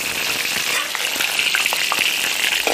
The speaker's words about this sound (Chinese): 刚晒好的鱼干煎到两面焦香，取出把五花肉爆得卷起，拱出油亮亮的窝，加入鱼干焖煮，待鱼干饱吸五花肉的油脂，咸香扑鼻。